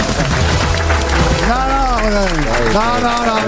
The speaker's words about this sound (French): Il racole, mais vous avez demandé au public d'applaudir plus fort.